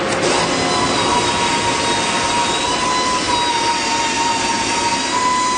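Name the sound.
loud factory machinery noise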